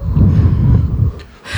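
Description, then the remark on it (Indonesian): A voice imitates typhoon storm wind with a sustained, breathy rushing whoosh lasting over a second, followed by a brief dip and a short hissy burst at the end. “Katanya kamu ngisi suara angin ya. Wush. Gini.”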